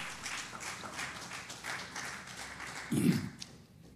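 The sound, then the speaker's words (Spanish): An audience applauds the Lord in the morning with steady, dense clapping throughout, swelling briefly louder near the end before tapering off. “¿Le puede dar un aplauso al Señor en esta mañana?”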